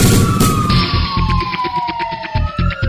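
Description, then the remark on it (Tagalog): A fire alarm siren wails in a single steady tone that slowly slides downward in pitch, loud and continuous over a low, uneven rumbling and thumping background, with no talking. “Magnum Fire Alarm!”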